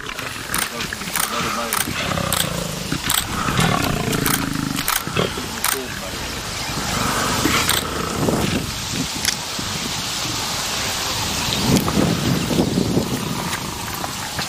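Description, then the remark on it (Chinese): A lion growls and snarls while attacking an African buffalo calf, trying to suffocate it, the calf letting out repeated distressed bawling cries, loud and continuous over rough rustling and scuffling. “狮子试图让非洲水牛幼崽窒息而死。幼崽比成年个体脆弱得多。”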